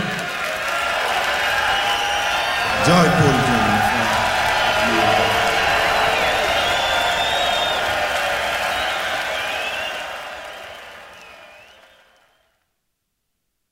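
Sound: audience screaming and cheering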